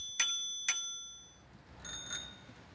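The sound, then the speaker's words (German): A bright metallic bell rings twice in quick succession, each strike clear and ringing out, followed by two softer, more distant-sounding dings. No one speaks. “Kleines Klingelkonzert.”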